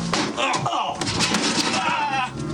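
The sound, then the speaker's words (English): A continuous, loud scuffle of heavy thumps, bangs and crashing impacts, with strained vocal grunts and yells mixed in, as Bill fakes his own beating, a staged fight heard through a door, for two and a half seconds. “As Bill fakes his own beating, Will leafs through the filing cabinet. Overhearing the ruckus on the other side of the door, Donovan smiles to himself.”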